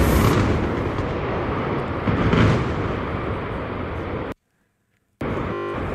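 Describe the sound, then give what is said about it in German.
A heavy demolition blast of a power plant boiler house and two denitrification units roars as a loud, sustained, overwhelming rumble for about four seconds, then the sound abruptly drops out to silence before the noise returns. “Und das war der große Knall.”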